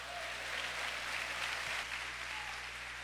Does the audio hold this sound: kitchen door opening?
no